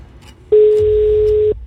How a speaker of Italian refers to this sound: Occhio, perché non basterà più una sola telefonata, ma ce ne vogliono due. Conferma. Primo squillo.